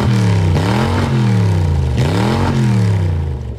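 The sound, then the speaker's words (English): A loud car engine, on the grand champion car at this year's Summernats, revs repeatedly, its pitch climbing and dropping in several quick surges over a rumbling idle, with no one talking. “Oh, I've still got to remember to broadcast, but there's something about an engine that just gives me absolute chills from head to toe.”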